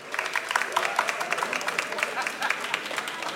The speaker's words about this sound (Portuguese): Vocês agora, se não batiam palmas, era um escândalo.